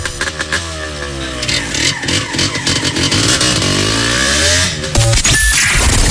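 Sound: motorcycle engine revving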